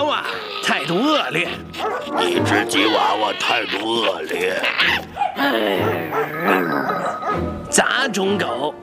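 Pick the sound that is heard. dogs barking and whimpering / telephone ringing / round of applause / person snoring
dogs barking and whimpering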